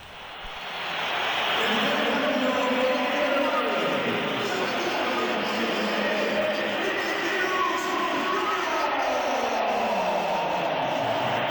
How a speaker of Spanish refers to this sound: Vamos a oír los pitos también a Vinicius cuando se iba del partido.